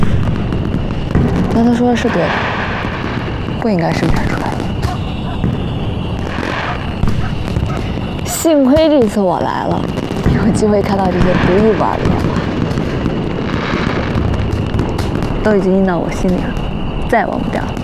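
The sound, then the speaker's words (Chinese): Blue-coloured experimental fireworks made with a newly refined dye crackle and pop steadily with several sharper bursts, a dense, continuous barrage while people talk over the noise. “见过这么多烟花，从来没见过这种颜色。”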